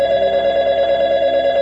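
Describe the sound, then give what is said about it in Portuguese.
A telephone rings with a steady, warbling electronic tone that holds continuously, fairly loud, with no voices present. “telefone tocava,”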